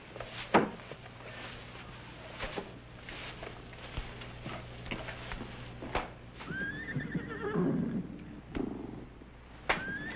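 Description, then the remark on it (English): A horse gives a loud, wavering whinny partway through, with snorts and scattered hoof knocks and thumps around it, with no one talking. “What do you suppose is bothering them horses?”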